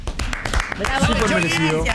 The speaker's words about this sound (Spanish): Bueno, aplaudimos entonces, fuerte el aplauso para el chori.